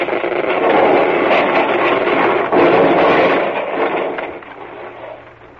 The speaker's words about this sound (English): Now. No. No good. Not quick enough. The ice is closing in. It's crushing the boat.